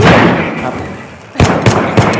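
Three sharp gunshots crack out in quick succession near the end, each a loud bang, following a stretch of rumbling, noisy background.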